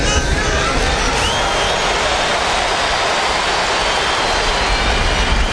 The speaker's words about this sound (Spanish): Escuchen de fondo justamente el aplauso del Monumental en donde le daban la despedida a Lionel Messi el día de ayer.